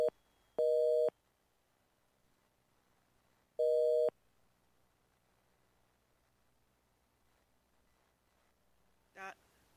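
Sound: telephone busy signal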